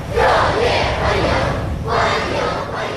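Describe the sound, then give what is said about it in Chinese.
A large crowd of young people cheers enthusiastically outside the north gate of the Great Hall of the People, greeting July 1 Medal recipients arriving by motorcade. A loud, sustained roar of voices swells in waves, with rhythmic shouted bursts rising and falling throughout. “青少年热情欢呼致意。”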